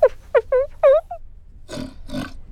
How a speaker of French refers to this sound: Tu entends? Mais c'est un grognement de cochon. Qu'est-ce que fait un cochon dans une bibliothèque?